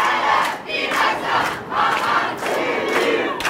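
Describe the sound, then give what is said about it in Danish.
A large crowd of supporters with flags chants slogans in unison at Copenhagen Airport, welcoming a returning Gaza activist; loud shouted phrases repeat in a steady rhythm of about six bursts, with a continuous roar of voices between them. “som i eftermiddags landede i Københavns Lufthavn, hvor meningsfæller modtog hende med flag og slagord.”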